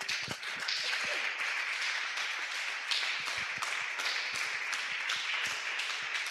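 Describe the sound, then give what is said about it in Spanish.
A church audience applauds the Lord steadily, many hands clapping in a dense, continuous patter with sharp individual claps poking through, fairly loud and sustained for the whole stretch with no talking. “Dele ese fuerte aplauso al Señor, hermano.”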